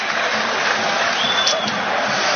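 stadium crowd applauding

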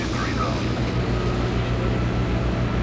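airplane engine

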